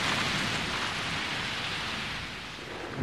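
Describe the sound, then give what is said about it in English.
Torrential rain pours down in a dense, steady roar during a warm-season thunderstorm with strong winds and lightning over a forest canopy, loud, with a deep low rumble underneath and no voices. “Storms come in the warmer months of the year, bringing torrential rain, strong winds and lightning strikes, ripping holes in the canopy.”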